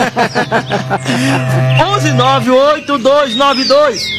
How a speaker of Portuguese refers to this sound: É o berrante. Ela fala isso que ela não sabe falar o nome do berrante. Aí fala buzina.